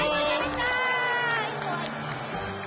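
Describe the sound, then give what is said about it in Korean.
A crowd, sounding like many children, cheers and claps loudly and steadily for a few seconds, with high excited voices shouting over a dense wash of noise. “우리 용감한 두꺼비에게 모두 모두 박수.”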